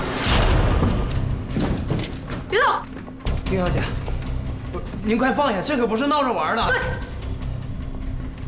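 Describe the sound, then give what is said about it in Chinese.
A bunch of keys jangles with bright metallic rattling in the first couple of seconds as the keys are demanded at gunpoint, followed by people talking tensely over scattered bumps and shuffling. “坐下， 钥匙给我。”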